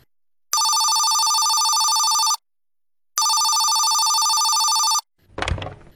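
A telephone rings twice in long, steady, loud electronic bursts separated by a short pause, followed by a brief clatter as if the handset is picked up.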